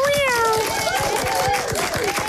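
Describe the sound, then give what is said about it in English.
A fully grown cat meows loudly, a drawn-out cry that slides downward in pitch, followed by softer wavering meows over a busy, rhythmic background clatter. “But imagine that, 11 years looking for your kitty cat, and then he comes home as a fully blown adult.”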